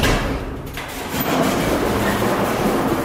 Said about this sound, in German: Da geht ein großes Rolltor auf. Wir sind in einer riesengroßen Garage am Rande der Stadt. Draußen ist es schon hell und jetzt sehen wir, hier haben heute Nacht mehrere Busse geschlafen. Hier ist das Busdepot.